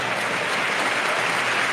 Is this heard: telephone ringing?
no